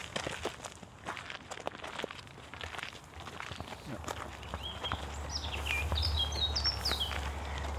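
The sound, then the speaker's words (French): Two birds chirp in quick, high-pitched bursts during the latter half, fairly clear against a steady outdoor background with scattered earlier taps that may be footsteps. “Écoute, qu'est-ce qu'on entend? T'es quoi? Oiseau.”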